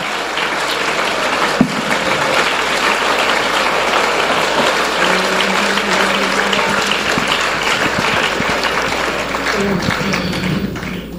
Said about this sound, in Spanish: dale ese aplauso a la gloria de Él.